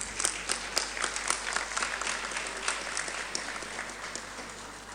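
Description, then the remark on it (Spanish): An audience claps steadily in a dense, continuous wash of applause, with a few sharper individual claps standing out; no voices are heard over it. The applause welcomes native authorities from Huachacalla, Litoral province, who present a guitarrillada at an environmental protection agreement signing in the department of Oruro. “Le recibimos, por favor, con un fuerte, fuerte aplauso.”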